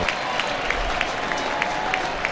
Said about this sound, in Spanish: Va a acomodar Messi, vino de este lado, ¿no? A la Belgrano, por eso la ovación tan cerquita se escuchó.